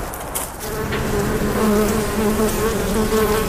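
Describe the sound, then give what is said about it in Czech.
Honeybees buzz steadily beside the beehouse where Mendel kept bees, now part of a museum, a dense droning hum with several insects weaving about; no one is speaking. “Včely vedle včelína létají i dnes.”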